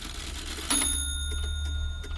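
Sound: clock ticking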